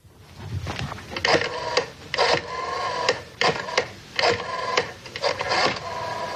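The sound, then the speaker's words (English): A rotary phone being dialed: a series of mechanical whirring, ratcheting bursts as the dial is turned and clicks back, repeating several times with short pauses and no voices. “Rotary phone.”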